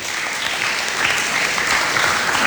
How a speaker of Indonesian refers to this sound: Oke, itu dia teman-teman. Tepuk tangan dong.